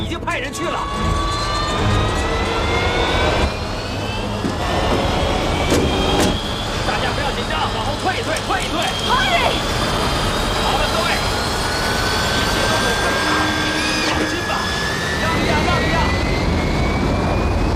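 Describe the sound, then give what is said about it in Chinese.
A military jet engine roars loudly and steadily throughout, its high whine rising in pitch as it powers up for takeoff, with faint voices mixed underneath the din. “也许他有点生疏了，也许是他的技术特点，他起飞的时候向来都是这样的，就像人骑马一样，不会忘掉的，放心吧，没问题。”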